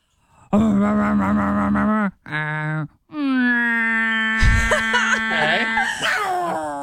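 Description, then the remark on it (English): A voice imitates a garbage truck with long, droning, strained vocal tones, a brief break, then a rising growl with a burst of harsh, crackly noise like grinding machinery. Loud throughout. “Please sound like your best impression of what you think a garbage truck sounds like.”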